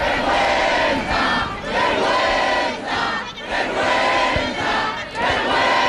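A loud crowd of protesters at the Puerta del Sol shouts angrily in unison, chanting "vergüenza" (shame) after a vote by parliamentary deputies, in repeated rhythmic bursts about a second apart, a dense roar of many voices with no single speaker standing out.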